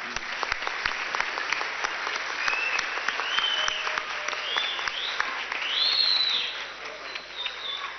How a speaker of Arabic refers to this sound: فبالتوفيق ونهنيك، وإحنا معك وإخوانك كلنا نساندك ونسمع أحلى تحية من الجمهور.